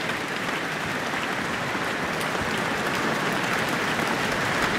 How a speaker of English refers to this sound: And obviously, a lot of applause here from a sold-out town hall to see … perform the Tchaikovsky Violin Concerto.